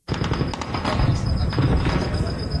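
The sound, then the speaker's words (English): Rapid bursts of gunfire crackle over a dense, rumbling din with heavy explosions mixed in, recorded in a video on social media, continuous and loud throughout, with a thin high whine running underneath. “In a video on social media, explosions and gunfire can be heard.”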